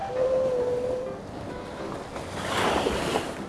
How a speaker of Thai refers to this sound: ใช่แล้วเสียงคลื่นนั่นเองคลื่น wave w a v e wave คลื่น